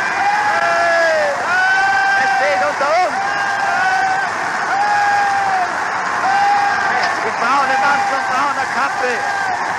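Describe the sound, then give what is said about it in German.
A large crowd in Linz cheers enthusiastically as the Führer arrives, a dense, continuous roar of many voices with rising and falling shouts, loud and sustained for the whole stretch. “Sieg heil, eine Begeisterung.”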